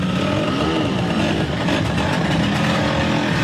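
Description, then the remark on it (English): A small Vespa scooter engine runs loud, its buzzing note rising and falling slightly as it revs, at a gathering celebrating the Vespa scooter's 80th birthday, with no one speaking throughout. “to celebrate the 80th birthday of the iconic Vespa scooter.”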